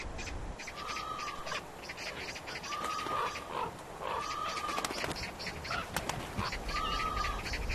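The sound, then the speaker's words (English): Several crows flap their wings in repeated bursts at a dead calf lying on the ground, with harsh, drawn-out calls recurring throughout over a steady outdoor background, with no talking. “Smaller birds, like crows, are the first to discover dead animals.”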